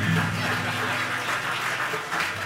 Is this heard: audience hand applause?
yes